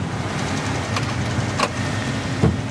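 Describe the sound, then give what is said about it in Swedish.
A combine harvester's cab door shuts with a solid low thud over a steady rumbling engine drone during the rapeseed harvest under a blue sky, preceded by a couple of sharp clicks and rattles as the door swings. “Se vad jag fick igen dörren bara.”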